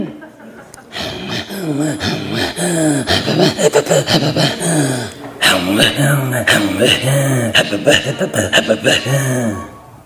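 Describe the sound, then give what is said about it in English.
Two voices perform Inuit throat singing, the same sound a half second off from each other, trading rapid rhythmic grunts, voiced tones and sharp breaths in a steady, pulsing pattern that continues throughout, with a brief pause midway. “Throat singing comes from our voice, our throat, and our breathing.”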